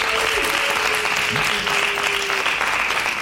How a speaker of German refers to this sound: Was ist für euch männlicher? Quader oder Hexagon? Überlegen euch das ganz gut. Wir kommen zu der Abstimmung. Ist es für euch der Quader? Dann lärmt bitte jetzt!